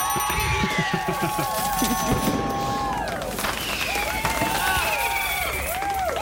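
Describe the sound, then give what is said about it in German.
A large audience applauds and cheers continuously, with steady dense clapping, shouts and rising, warbling whistles layered throughout at a fairly loud, even level. “Ja, da lasse ich den Applaus auch einfach mal ein bisschen länger hier laufen.”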